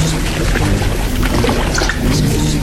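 Water laps and sloshes steadily around a floating bottle, a continuous fairly loud wash with small splashy bursts and no voices.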